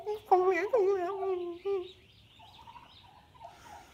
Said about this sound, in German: Das ist so süß, wie die sich freut, die Henne, ne? Echt so. Also diese Geräusche und also sie ist ja wirklich so, oh Gott, entzückend.